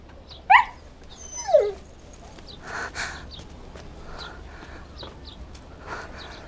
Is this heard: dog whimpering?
yes